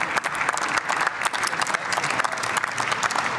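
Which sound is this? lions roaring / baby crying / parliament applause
parliament applause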